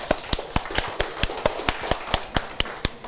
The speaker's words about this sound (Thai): ปรบมือให้กับกลุ่มที่สองด้วยครับนักเรียน